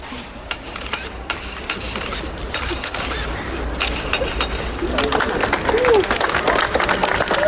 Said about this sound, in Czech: Kámen byl poklepán, žula to pochopitelně vydržela